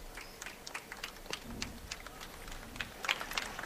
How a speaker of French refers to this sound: Voilà, vous entendez quelques applaudissements au passage de la procession et du pape Léon XIV.